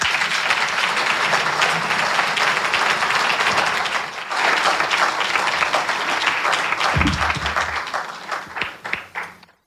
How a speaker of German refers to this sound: Ein großer Applaus bitte